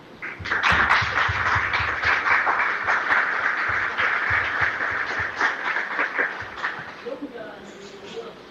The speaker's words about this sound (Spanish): Vamos a regalarle un aplauso, solo los hijos, a la mamá.